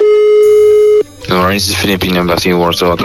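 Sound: telephone ringing tone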